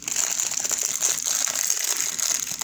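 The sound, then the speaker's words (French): Steady crinkling of a plastic wrapper being torn open and handled while something inside is broken open, a busy crackling texture that continues for a few seconds with no voices. “j'imagine que je vais l'ouvrir, je vais le casser, puis je vais vous le lire.”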